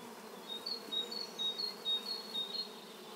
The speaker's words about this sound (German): Dafür graben sie diese kleinen Löcher in den Sand. In die legen die Wespen ihre Eier und Beutetiere als Futter für die Larven ab. Das klingt wie in einem Bienenstock.